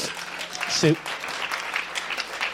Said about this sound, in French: Sous vos yeux ébahis, mesdames et messieurs, applaudissements.